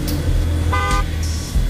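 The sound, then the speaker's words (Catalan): A car horn blares in a short harmonic blast amid steady low traffic rumble on a Barcelona city street, with a higher tonal honk following shortly after. “Traffic is wild.”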